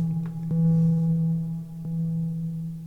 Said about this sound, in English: Yeah, I was gonna say, and it didn't stop. No, it stopped. It's just gotta run the echo out.